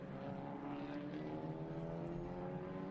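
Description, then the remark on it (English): Two race cars race each other, their engines droning steadily throughout, a loud sustained roar with layered harmonic tones and a constant rumbling low end, with no voices. “This is outstanding racing by these two cars.”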